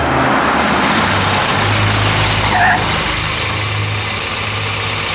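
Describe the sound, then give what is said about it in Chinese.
A car engine runs steadily outside, a low rumbling hum with a broad hiss that holds at an even loudness throughout, with no voices. “汽车就在外面，请。”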